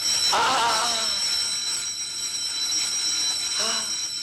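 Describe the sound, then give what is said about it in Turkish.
A grandfather rings a hand bell continuously with a bright, high, shimmering tone, and two brief louder bursts of sound break in near the start and the end. “Dede çalıyor bu zili.”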